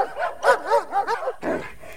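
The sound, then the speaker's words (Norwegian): A dog barks in a quick run of about five high, yappy barks, evenly spaced, followed by a rougher, noisier bark. No voices are heard. “Du, nå kjem han, bikkja nå!”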